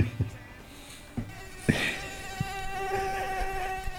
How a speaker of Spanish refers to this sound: Se nos metió una mosca. Tremendo, chicos.